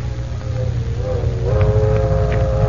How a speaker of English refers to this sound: Train 609 is thundering through the night on its way to Duncan Ridge.